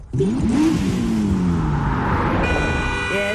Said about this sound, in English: Don't be alarmed by the car horn. Everything's fine around you, but you want to make sure it remains that way.